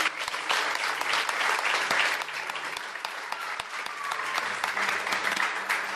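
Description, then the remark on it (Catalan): A live audience of more than 70 people at the Museu d'Història de Catalunya claps steadily for the Ràdio Castellar history show Les Portes de Troia, dense overlapping applause for several seconds at a fairly loud, even level, with a faint murmur of voices underneath. “Benvingudes i benvinguts una setmana més a les Portes de Troia, el programa de ràdio d'història de Ràdio Castellar, de la xarxa, des del Museu d'Història de Catalunya, amb més de 70 persones de públic. Un fort aplaudiment.”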